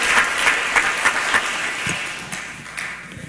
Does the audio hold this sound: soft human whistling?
no